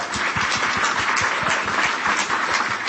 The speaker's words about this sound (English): So please give Fritz and Naz a round of applause.